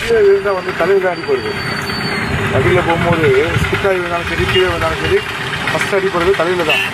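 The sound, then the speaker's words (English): Steady rumble of street traffic at a traffic spot in Keelpok, with vehicle engines idling, a continuous low drone throughout while a head constable speaks over the noise. “Now let's listen to Head Constable of Keelpok, …, at the traffic spot”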